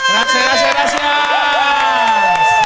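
A loud audience cheers and applauds, with whoops and shouted voices rising over steady clapping that runs without pause for a few seconds.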